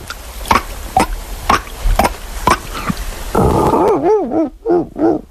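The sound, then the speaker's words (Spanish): A person imitates a dolphin with their voice: a run of sharp, rhythmic clicking bursts, followed by a wavering, squeaky whistle that loops up and down in pitch several times. “Mira, joder, el mar y todo, te puedo hacer un delfín.”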